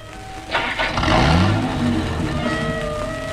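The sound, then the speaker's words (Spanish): A car engine starts up and the car resumes its journey, pulling away with its pitch rising as it accelerates, then settling into a steady running hum. Fairly loud, with no talking. “El auto reanuda la marcha.”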